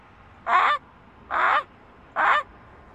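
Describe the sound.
A person imitates a Canada goose, giving three loud, nasal honks evenly spaced about a second apart, with no other sounds.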